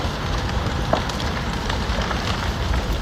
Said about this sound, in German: Knisternde Flammen, die vom Wind immer weiter angetrieben werden. So klang es vor einer Woche in einer Wohnsiedlung in der Stadt Drammen nahe Oslo.